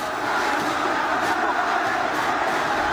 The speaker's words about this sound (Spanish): Bueno, 45 minutos ya parado el encuentro. En un momento que además la gente de pie está gritando, está alentando. Lógicamente Central está ganando.